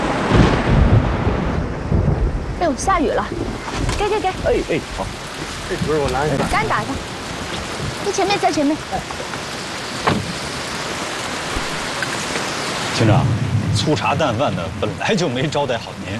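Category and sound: nature, thunderstorm with rain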